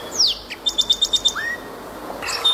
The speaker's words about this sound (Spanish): Este es el cuco otra vez. Barbudo gorgiazul.